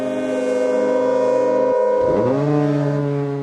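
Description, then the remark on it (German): A loud, sustained foghorn blast with a rich, buzzing low tone; midway the pitch briefly drops and sweeps back up, settling into a steady note that holds to the end. “Da beginnt so die richtige Geschichte des Nebelhorns.”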